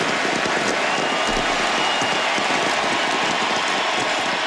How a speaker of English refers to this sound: Yes, they would not stop cheering for Lionel Messi last night. The Argentine great appeared for the last time for his national team, scored a penalty goal in a 3-0 win over Benin.